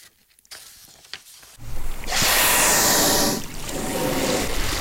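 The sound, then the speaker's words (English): Beside a 20-foot inflatable boat among kelp in Sitka Sound in early May, a gray whale feeding on herring eggs surfaces and lets out a loud, breathy whoosh of a blow lasting about a second, followed by steady splashing, rushing water. “It's early May, and five gray whales weave between the kelp as they feed on herring eggs in the water around our 20-foot inflatable boat.”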